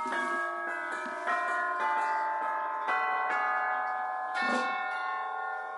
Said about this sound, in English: back here are the chimes from Dick Higgins, orchestral chimes